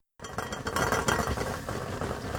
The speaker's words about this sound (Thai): แช่ข้าวไว้30นาทีแล้วค่ะเริ่มหุงได้เลยนะคะปิดฝาหม้อและนำไปตั้งไฟกลางประมาณ5นาทีก็เดือดค่ะต้องคอยดูจังหวะดีๆอย่าให้พลาดได้นะคะ